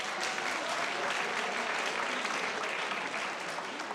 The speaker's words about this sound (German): Schön, das ist dein Applaus.